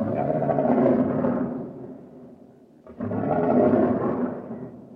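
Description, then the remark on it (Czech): A huge lion roars twice, loud: two long, rumbling, throaty bellows separated by a brief pause, with no talking. “V jediném okamžiku stál proti kocourovi místo čaroděje obrovský lev.”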